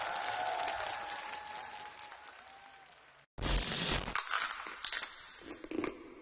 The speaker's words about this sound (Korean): 감사합니다. 박수 올렸습니다.